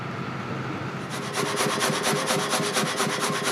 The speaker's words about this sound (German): und verarbeitet sie in seinem eigenen Sägewerk.